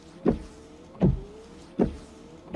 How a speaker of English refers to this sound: Give up? It's Rain-X wiper blades. You see, Rain-X is already America's number one brand of wiper blades, so we can't move up any higher.